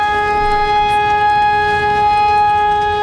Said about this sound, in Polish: Dziś ogólnokrajowe ćwiczenia Alarm 2026. W całym kraju testowane są syreny alarmowe, które mają ostrzegać mieszkańców przed zagrożeniem. We Wrocławiu zawyły już dwa razy.